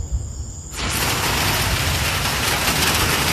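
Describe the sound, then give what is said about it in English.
Heavy rain from a thunderstorm suddenly starts pouring down after a quieter moment, becoming a dense, steady, loud hiss of downpour that continues without letup. “Here's the rain. Ooh. It is coming down like crazy.”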